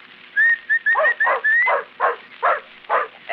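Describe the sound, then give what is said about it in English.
A series of short, rising whistles calls a male dog, then the dog answers with a steady run of short, rhythmic yips or barks, about two per second. No one speaks. “There you are. That's a good dog. That's a fine dog.”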